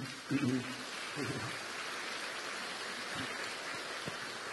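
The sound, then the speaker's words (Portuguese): Steady crackling applause from a crowd at a wedding ceremony, right after the couple is told they may kiss, holds at an even level throughout, with a couple of brief voices or cheers rising out of it near the start. “Nós acolhemos a todos com a nossa alegria, com as nossas palmas.”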